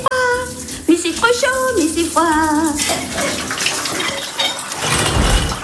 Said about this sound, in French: Oh mais je sais pas ce qui se passe avec cette douche ce matin. Ouh là là, mais c'est trop chaud. Mais c'est froid, c'est froid. Mais c'est trop chaud, mais c'est froid.